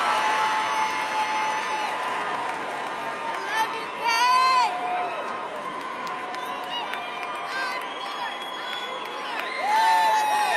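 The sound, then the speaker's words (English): A large concert crowd cheers and hollers continuously, with sustained roaring noise and scattered high whoops and shouts rising above it, swelling loudest around the middle and again near the end. “Man, hey, y'all are a badass crowd, man.”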